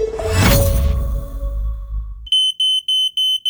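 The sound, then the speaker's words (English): A loud burst of crashing, whooshing noise fades out, then a smoke alarm beeps sharply and high-pitched, about five quick, evenly spaced, piercing chirps with no voices, in a radio advertisement for Quick Check smoke alarm specialists. “Hi, I'm Andrew from Quick Check, your local smoke alarm specialist.”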